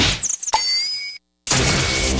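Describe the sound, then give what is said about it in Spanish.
A single pillow smack lands early on, a quick thump over a bed of rushing, hissy noise that cuts to a brief silence before the noise resumes. “El almohadazo.”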